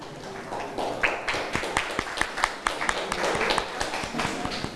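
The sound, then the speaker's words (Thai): A group of people clap their hands in steady, scattered applause for the representative of group 1, with many overlapping sharp claps forming a dense, lively patter that holds at a moderate level for several seconds. “เสียงปรบมือให้กับตัวแทนกลุ่มที่1หน่อยค่ะปรบมือให้เพื่อนหน่อยค่ะ”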